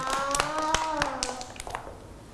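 Several children clap their hands for a classmate who has shown an artwork, in a quick, uneven burst of sharp slaps lasting about two seconds, with faint high voices underneath before the clapping tapers off.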